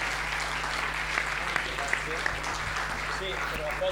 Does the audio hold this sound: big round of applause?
yes